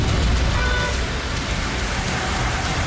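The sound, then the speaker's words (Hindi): Heavy rain pours steadily in a dense, continuous hiss, drops striking a wet, waterlogged road surface, with no voices and no break in the downpour. The road is the old route of the Mumbai–Pune Expressway, flooded with submerged vehicles. “Pune Mumbai expressway की और भी तस्वीरें हैं जो भारी बारिश से निपटने की तैयारी पर सवाल खड़े करती हैं।”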